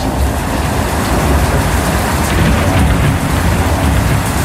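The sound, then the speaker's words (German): Steady, dense rainfall pours down throughout in a thunderstorm, a continuous loud hiss with a deep low rumble of thunder underneath. No one speaks. “Bei Spotify gibt es sogar eine extra Playlist, nur mit Blitz und Donner.”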